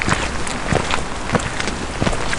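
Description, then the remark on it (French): Steady, dense hiss of winter rain falling outdoors at the edge of the Mare à Goriot pond, in the forest of Rheims, Saint-Amand-Wallers, with soft louder patters or thuds recurring every half second or so. No one speaks. “J'ai rejoint la guide nature au bord de la Mare à Goriot, sous une pluie hivernale.”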